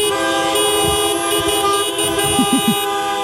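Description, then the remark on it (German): Several car horns blare at once in celebration, in a loud, continuous chorus of overlapping honks, sustained for the whole stretch with no talking. “vor sieben fragen wir uns hier bei Radio Essen, wenn Autos applaudieren könnten, würde sich das dann so anhören?”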